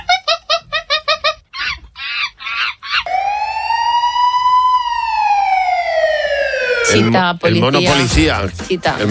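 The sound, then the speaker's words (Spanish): A monkey's burst of rapid, high-pitched chattering calls is followed by a police car siren wailing in one long, steady tone that slowly rises and then falls, ending in loud, harsh noise; together they form a sound puzzle for the game Monopoly. “El mono policía. Monopoly.”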